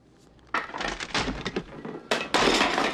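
wooden chair breaking

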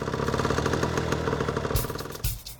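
engine running at idle

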